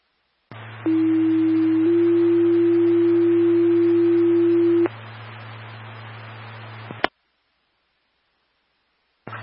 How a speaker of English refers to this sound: Rivercom, Bridgeport, Fire Department, Second Tones for Mutual Aid request on the brush fire, Half Sun Way. Second Tones for Mutual Aid on a brush fire, Half Sun Way, timeout 1332.